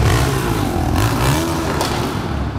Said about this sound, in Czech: V úzké ulici mezi vysokými domy se auta s upravenými výfuky pořádně ozývají.